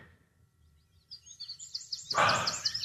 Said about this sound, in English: That's what it's going to sound like in my house today. Birds. Yeah, I've left the window open. Birds have come in. Oh, it's peaceful.